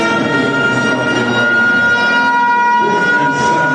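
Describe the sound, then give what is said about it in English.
A loud stadium siren blares in one steady, sustained tone for the whole stretch at a football game between UAB and Illinois, with a rumble of crowd noise beneath it and no talking. “And that is one loud siren, let me tell you. They got that thing cranked up.”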